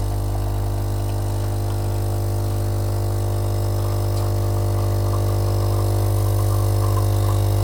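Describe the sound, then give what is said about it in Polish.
A classic pressure espresso machine, after grinding the beans, builds up pressure to 15 bar; its pump drones steadily throughout, a loud, low, buzzing hum with a rattly mechanical edge that holds constant without pauses. No one speaks. “Ekspres oczywiście, jak każdy dobry, klasyczny ekspres ciśnieniowy, pracuje z ciśnieniem 15 barów.”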